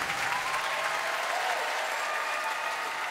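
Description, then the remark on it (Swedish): Sustained applause from a large audience after a concert, a dense, steady wash of clapping that stays loud and even throughout without any voices standing out. “Applåder för … och för musiken vi nyss hörde”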